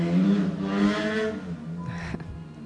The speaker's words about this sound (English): I hope you didn't hear that. There was a little pause. I was letting the motorcycles go by. They're pretty loud. I don't know if it translates out there into the radio land, but in the headphones, they're pretty loud.